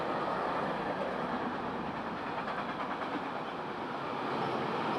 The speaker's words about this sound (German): Es ist jetzt ein längerer Zug, wie man hört. Mit ganz viel Tags, also ganz viel Graffitis.